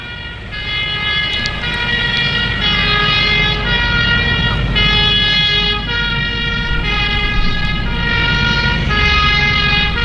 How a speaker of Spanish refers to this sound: De repente, en medio de la quietud de la noche, se escuchó el inconfundible sonido de la sirena de incendio.